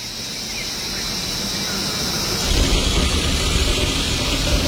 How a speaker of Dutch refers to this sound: Wat horen we allemaal? Ik hoor insecten, krekels of zo.